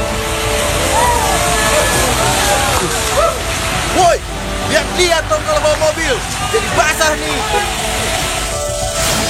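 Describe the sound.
A car drives through a puddle of standing water, a loud, steady wash of splashing and road noise lasting several seconds, with indistinct voices chattering over it before it thins out near the end.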